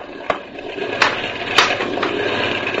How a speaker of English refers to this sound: Even boat motors can't take it. They start to die. Well, I don't understand it. She's been running like a dream.